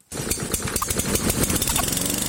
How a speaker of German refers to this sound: Der Rasenmäher. Sein Einsatz stets für Lärm und unterschiedsloses Kürzen von Gras meist.